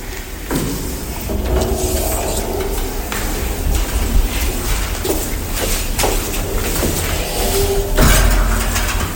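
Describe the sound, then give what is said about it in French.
A door bangs shut again and again, sharp thuds landing every second or two over indistinct voices murmuring in the background; the door keeps slamming because it is very hot today. “Non, c'est juste la porte qui n'arrête pas de claquer.”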